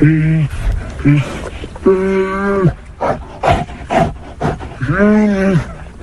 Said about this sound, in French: les vétérinaires s'approchent de la cage en métal où vivent les deux ours, visiblement stressés au contact des humains. Les deux bêtes tournent, crient, tentent d'effrayer les vétérinaires